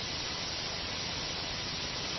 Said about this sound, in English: Of course, we can tilt it the other way, toward the hissing high end of blue noise.